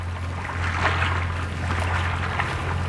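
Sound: river water lapping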